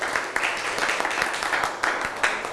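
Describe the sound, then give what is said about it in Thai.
A class of students applauds themselves together, many hands clapping in a dense, steady patter with a few sharper individual claps standing out, fairly loud for the full stretch with no voices on top. “ทุกคนปรบมือให้ตัวเองหน่อย”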